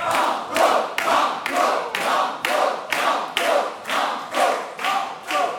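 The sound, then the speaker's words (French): An audience claps steadily in unison for two young quiz contestants who answered five of six questions, a dozen or so loud rhythmic beats at an even pace, with a wash of crowd voices cheering underneath throughout. “qui ont répondu à 5 questions sur 6 et qui pourront donc, on les applaudit, c'est déjà très très bien, on a apprécié leurs réponses et leur parcours”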